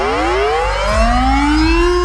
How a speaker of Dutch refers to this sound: Om het luchtalarm. Gisteren maakte minister Van Wil bekend dat het luchtalarm vanaf 2028 wordt wegbezuinigd en volledig wordt vervangen door een NL-alert.